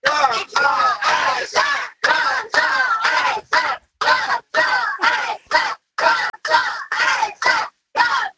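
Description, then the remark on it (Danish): A group of boys from a sports team, inside a bus, shouts a rhythmic battle cry into a phone held up in the air, in loud, punchy bursts, each syllable clipped short with brief gaps between, repeating steadily for several seconds as if chanting in unison. “Kunne man måske forestille sig, at du inde i bussen lige rækker telefonen op i luften, og så råber I jeres bedste kampråb?”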